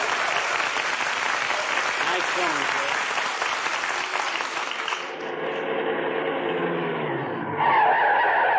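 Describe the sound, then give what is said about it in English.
Tires screech and skid in a long, loud squeal as a car brakes hard, the harsh noise filling several seconds before trailing into a rising whine and engine rumble. “Them brakes fixed.”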